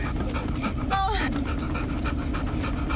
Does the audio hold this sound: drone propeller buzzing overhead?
no